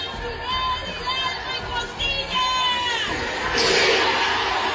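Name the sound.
crowd shouting viva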